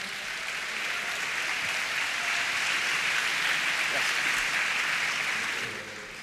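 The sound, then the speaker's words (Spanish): A church audience claps steadily for about six seconds, applauding the Lord for the life of a visiting pastor. It is a dense, even wash of applause that holds at full strength before tapering off at the end, with faint voices mixed in. “Iglesia, demos un fuerte aplauso al Señor por la vida del hombre de Dios.”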